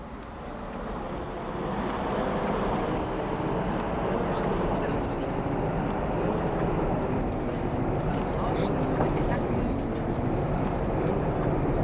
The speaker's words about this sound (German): Ne, die Straßenbahn, die rauscht da ganz vor sich hin so.